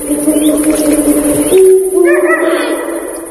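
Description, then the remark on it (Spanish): A Eurasian eagle-owl gives a short run of harsh, bark-like calls in the final second, clear, over a steady low droning hum, at the Portilla del Tietar in Monfrau, between two huge rocky cliffs that make the sound reverberate. “El búho real, el gran duque, domina la puesta en escena.”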